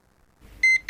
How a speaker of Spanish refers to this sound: 6 de la mañana. Suena el despertador y te preparas para iniciar tu día.